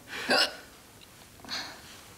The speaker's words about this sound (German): Sagen Sie es nicht weiter, aber ich weiß nicht mehr, wie ich diesen Schluckauf loswerde.